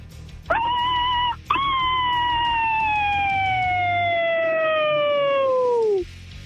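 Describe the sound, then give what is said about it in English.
A person in Chicago, competing in a howling contest, howls like a coyote: a short rising yelp, then a long, loud howl that slowly slides downward in pitch for several seconds before trailing off. “You let that howl rip.”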